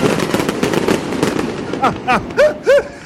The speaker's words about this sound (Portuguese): Ele já soltou o rojão com toda a força lá.